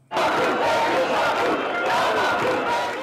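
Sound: protest crowd chanting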